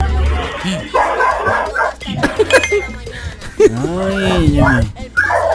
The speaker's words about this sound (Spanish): Ah. Es el video de un perro. Ah, no, un perro.